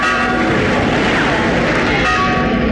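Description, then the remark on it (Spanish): The bell of the church of San Lorenzo rings out in alarm, its sustained metallic tones ringing loud over a dense wash of crowd noise and commotion from thousands of townspeople, with no break throughout. “La campana de San Lorenzo toca rebate.”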